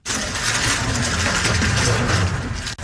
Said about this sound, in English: That is the clicking sound of a Rubik's Cube being speedily solved by a six-year-old.